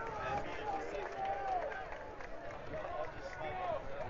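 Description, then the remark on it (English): A large stadium crowd at a football game roars steadily with defensive chants led by the student section during a crucial second down, a dense wall of many voices rising and swelling together in a loud, continuous chant-like din that fills the whole moment. “As the crowd's starting to get loud with their defensive chants.”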